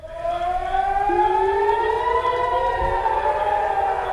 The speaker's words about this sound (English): Sirens in the city of Haifa after Iran launched a salvo of missiles toward Israel.